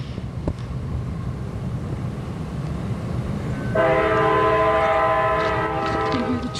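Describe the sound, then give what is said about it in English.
A train rumbles steadily with a low, wind-buffeted roar, then its horn blasts a sustained, multi-tone chord for the last few seconds, loud. No one speaks. Heard outdoors on a beautiful day. “Yeah, so we got trains.”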